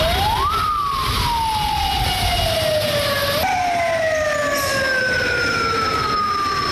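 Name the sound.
ambulance siren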